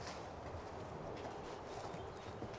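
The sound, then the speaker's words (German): A horse ridden by Tamme Hanken at a walk, up and down, its hooves clip-clopping in an even, repeating rhythm over a constant background hiss, with no one speaking. “Ja, den habe ich eben gerade geritten. Einmal den Schritt, hoch und runter.”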